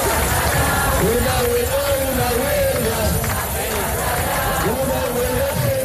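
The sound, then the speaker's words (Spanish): A large crowd of housing protesters chants together in a street in Spain, demanding a solution to the housing crisis, many voices rising and falling in a repeated rhythmic cry over a constant loud roar of shouting and noise. “Y en las calles españolas, pues el grito sigue siendo unánime.”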